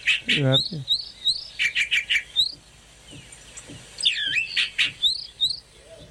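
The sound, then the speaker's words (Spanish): A recording of a calandria mockingbird song, played in a car as a lure, sings alone and clear, pouring out bursts of varied whistles, trills and rapid repeated chirps, with short pauses between phrases. “No, íbamos en el auto escuchando a la Calandria, escuchá.”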